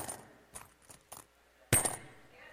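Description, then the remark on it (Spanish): Several coins clink and drop one after another as people toss coins during a church service to celebrate a woman's birthday, light metallic taps spaced irregularly, ending with a louder, brighter jangle of coins landing together; no voices. “Ahí están echando monedas, hermano, aleluya.”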